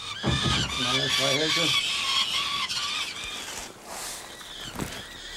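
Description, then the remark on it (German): Young birds of prey at the Wildpark Lüneburger Heide, waiting for their keeper, squawk insistently, a run of harsh, rapid, buzzy calls rising and falling in pitch, then scattered rougher squawks trailing off over a steady background hiss. “Bei den Greifvögeln wartet der Nachwuchs schon auf den federlosen Super Daddy.”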